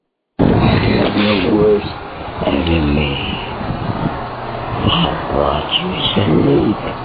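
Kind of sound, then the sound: animal, growl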